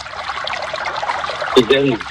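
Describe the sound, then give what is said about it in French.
Water pours steadily in a continuous bubbling, splashing trickle, then a man's voice briefly starts speaking over it near the end. “Non, l'eau, c'est bien de l'entendre.”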